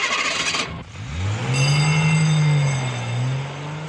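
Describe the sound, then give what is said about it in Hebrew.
A car engine hums and rises in pitch as the vehicle accelerates, loud, holding a steady drone before easing off, after a brief burst of rushing noise at the start. “או רעש של מכוניות.”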